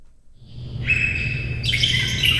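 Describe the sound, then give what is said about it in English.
A dense chorus of birds chirping and tweeting in an aviary at the Oregon Zoo, several calls overlapping continuously with reverberation, with a low rumble of background noise beneath. “The cacophony of bird sounds in the Vallum aviary has added a new voice, a 4-year-old Bali Mina, a bright white Indonesian songbird with black wingtips and blue around the eyes.”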